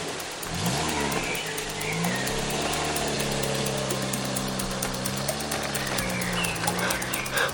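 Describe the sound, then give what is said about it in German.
A delivery van's engine rumbles steadily, its pitch rising and falling as it starts, revs and pulls away, with a constant mechanical drone and no voices. “Der Lieferwagen startete und fuhr weg.”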